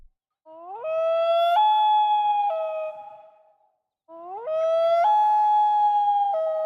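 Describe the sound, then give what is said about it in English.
A loon calls twice beside a calm, still lake at sunset, each a long, mournful wail that swoops upward, holds, then steps between pitches before fading. The calls are loud and clear, with no talking. “Typically, you'd be kind of lucky if you spotted that loon in the distance before it disappeared underwater or flew out of sight.”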